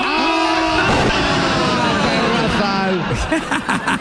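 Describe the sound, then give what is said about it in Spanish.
A goat named Messi bleats in wavering, nasal cries that overlap in a busy stretch, with a murmur of voices and some chuckling mixed in underneath. “Hermano, por favor, explícame por qué traes una cabra contigo.”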